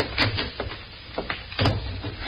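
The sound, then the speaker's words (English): The top drawer of a desk slides open with a short rough scrape and wooden rattle, then another louder scrape a moment later, with no one talking. “Look in the top drawer of the desk there.”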